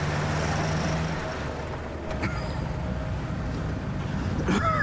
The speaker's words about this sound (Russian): Машина едет по дороге через сосновый лес.